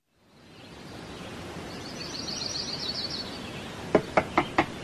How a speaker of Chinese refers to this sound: 第二天清晨，急促的敲门声打断了廖运周的美梦。好久没有睡得这么踏实了。廖运周揉了揉眼睛起身开门，一个戴着白色鸭舌帽的中年男子站在门口